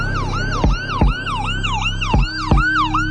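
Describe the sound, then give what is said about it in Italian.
Ambulance and emergency vehicle sirens wail loudly as rescue vehicles rush to a spot near the Gregga sandwich shop in Salisbury, England, on Sunday 4 March 2018 around 16:15. Their pitch sweeps up and down in rapid repeating cycles over a low engine rumble and traffic noise, with no one speaking. “Ambulanze e mezzi di soccorso accorrono a sirene spiegate nei pressi della paninoteca Gregga.”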